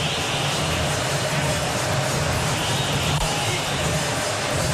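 A stadium crowd of Palmeiras football fans at the Maracanã chants and roars continuously late in the second half of a match against Fluminense, a dense, loud wall of massed voices that holds steady for the whole stretch without pause.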